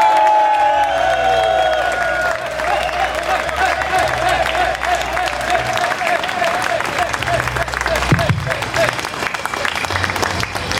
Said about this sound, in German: Bitte begrüßt mit einem tosenden und kaum enden wollenden Applaus meinen sehr geschätzten Bühnenpartner und Heinerfestpräsidenten